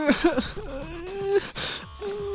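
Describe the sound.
A voice mimics whimpering, crying sounds to imitate the crying emoji: a few wavering, drawn-out sobbing tones with short breaks between them, fairly loud, without any actual words.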